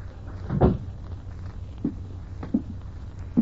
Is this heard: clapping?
no